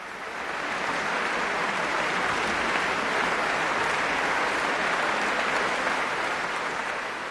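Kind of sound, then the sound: crowd, concert audience applause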